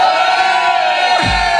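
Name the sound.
audience shouting and cheering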